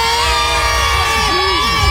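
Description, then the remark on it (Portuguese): A large stadium crowd of football fans roars and shouts after the match, a dense wall of cheering voices with rising and falling chants layered over a constant low rumble, loud. “O Canásio quer ouvir o grito da torcida.”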